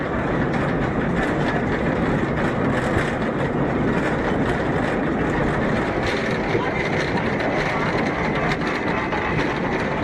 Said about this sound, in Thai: จากด้านล่างรถรางไต่ระดับขึ้นไปด้วยระยะทางเกือบ1กิโลเมตรใช้เวลาไม่ถึง10นาทีก็ถึงยอดเขาเบอร์เคนสต็อก